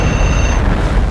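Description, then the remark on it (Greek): A loud, steady rumbling roar like the tail of a bomb explosion sound effect, used in the radio game segment Beat the Bomb, deep and noisy throughout with a faint high whine fading out midway. No one speaks. “Σταμάτα το χρόνο πριν σκάσει η βόμβα.”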